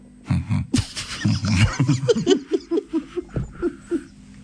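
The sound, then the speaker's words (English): A person vocally imitates a blue whale's heartbeat, starting with low rumbling grunts and then settling into a steady series of short, deep thumping pulses, fairly loud. “Did you know that you can hear a blue whale's heartbeat from over 2 miles away?”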